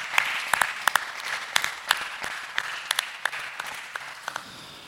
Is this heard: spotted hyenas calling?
no